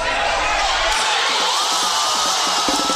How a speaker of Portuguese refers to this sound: Foi assim que a torcida comemorou já no segundo tempo o primeiro gol do Brasil, que até então perdia por 1-0 para o Japão.